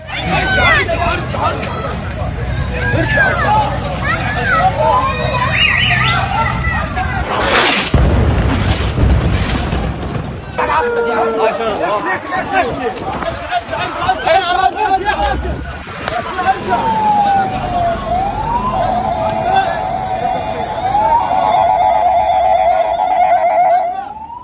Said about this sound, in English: recorded civil defense crews trying to put fires out inside buildings that were targeted.